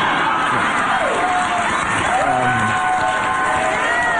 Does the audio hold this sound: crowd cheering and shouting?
yes